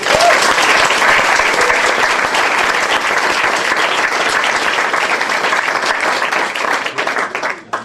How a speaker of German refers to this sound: Liebe Menschen, begrüßen Sie bitte mit einem herzlichen Applaus